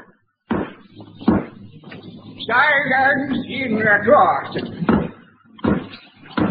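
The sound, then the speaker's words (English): A hammer bangs sharply several times at uneven intervals during a court hearing, loud wooden knocks before and after a man's voice speaking firmly in the middle. “For the last time, will whoever's banging that hammer, please stop it.”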